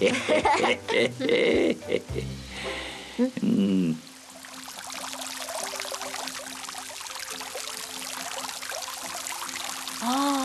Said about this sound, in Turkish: Hele şu yağmur dinsin de, bakarız çaresine.